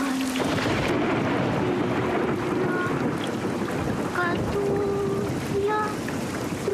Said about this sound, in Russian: Ночь, улица города, дождь.